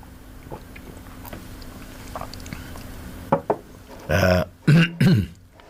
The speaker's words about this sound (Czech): Pardon, já jen si trošku napiju našeho skvělého čaje. Když dlouho nemluvím, tak než se rozmluvím, tak to je potřeba trochu spláchnout.